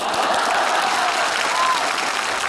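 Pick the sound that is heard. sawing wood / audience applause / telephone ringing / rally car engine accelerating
audience applause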